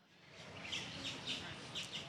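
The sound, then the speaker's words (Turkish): Many birds chirp and sing together outdoors in a park in Charleston, bright repeated tweets overlapping above a soft, steady background hiss. “Bir sürü kuş sesi duyuyorum.”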